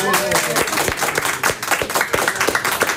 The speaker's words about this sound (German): Von daher, ihr könnt aber was machen, damit man mir glaubt, dass hier was los ist. Ihr könnt mal applaudieren.